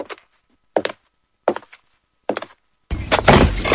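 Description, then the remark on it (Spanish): Four hollow knocks on a wooden door, slow and evenly spaced, each a solid thud, followed by a sudden louder burst of dense, rough noise. “Imagínate que está llamando a tu puerta la aventura de tu vida.”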